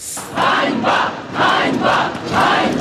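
A crowd protesting in Ukraine against President Zelensky's removal of the defence minister chants "shame" in unison, a loud rhythmic shout repeated about five times at a steady pace, with a brief roar of voices between each call.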